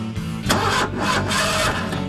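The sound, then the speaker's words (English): A car engine cranks slowly and laboriously, its starter grinding in a steady, sluggish rhythm of repeated strained turns that never catch, in a radio ad for AutoZone about car batteries. Fairly loud, with no voices. “Starting slow? Heat can damage your battery.”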